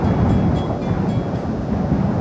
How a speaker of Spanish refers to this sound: En la meseta de Somuncurá, el viento no es solamente parte del paisaje, es una presencia permanente. Recorre las piedras, atraviesa los cañadones y cruza kilómetros de estepa sin encontrar demasiados obstáculos.